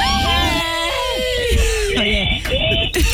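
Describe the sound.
A loud, high-pitched human scream rings out close and sustained for about three seconds, its pitch wavering and briefly breaking near the end, with other voices overlapping beneath it.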